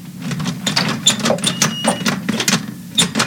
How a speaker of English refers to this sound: Oh, this is ridiculous. I'm opening the door.